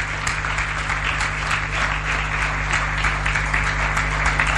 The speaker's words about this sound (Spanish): ¿Cuántos le dan un aplauso al Señor? Un aplauso a la palabra del Señor.